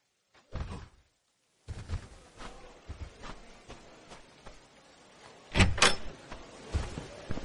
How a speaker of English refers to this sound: I was waiting for you to open the door for me.